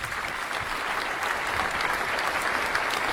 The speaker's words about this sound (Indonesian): Oke, tepuk tangan dulu Bapak Ibu.